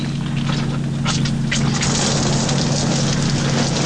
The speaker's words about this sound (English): What about a little rain? A little rain? Yeah, a small shower. One small shower, you got it.